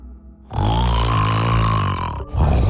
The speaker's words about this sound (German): Für alle Frauen, die jede Nacht wütend wach im Bett liegen, wir Männer meinen das nicht böse. Wir schnarchen seit Jahrtausenden und zwar nur, um euch nachts vor wilden Tieren zu beschützen.